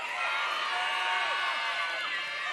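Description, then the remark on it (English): A large audience in Namibia roars steadily with cheers and applause, scattered high whoops and shouts rising through the dense, loud din for the whole stretch. “Now, with the same applause, let's welcome our top 18 to stage.”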